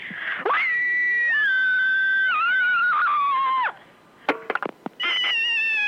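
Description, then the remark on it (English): A person lets out a long, loud, shrill scream to vent aggression, wavering in pitch for about three seconds, then a few sharp bursts, and another piercing scream begins. “There's nothing like a good scream to get your aggressions out, and I am particularly one of those people who needs to ventilate quite regularly.”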